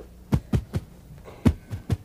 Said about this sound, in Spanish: Él comienza a envejecer y va al doctor, quien le dice, no me gusta el sonido de esos latidos.